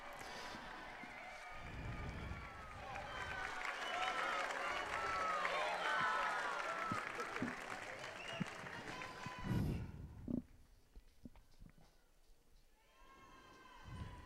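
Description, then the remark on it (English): A large crowd welcoming the Holy Father on the solemnity of the Assumption applauds and cheers loudly, a dense wash of clapping and excited voices filling the first ten seconds before thinning out into scattered claps and murmurs. “We join then this enthusiastic crowd.”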